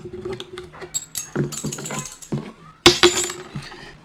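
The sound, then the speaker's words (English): Three small metal coins rattle and clink together in a series of bursts as they are shaken for divination, followed by a sharper clatter as they land, with no talking. “So you, for the coins, you shake it 6 times, and for the sticks, you do that 72 times.”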